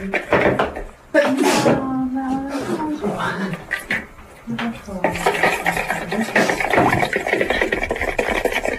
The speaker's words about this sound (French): C'est beau ce son. C'est moi quand je fais la salade, je suis plus musicien.